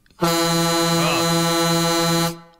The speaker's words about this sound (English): Oh, goodness me. That's a loud horn you've got there now. Yeah, I think I prefer it, though, than the klaxon you used to have. I think that's a better horn.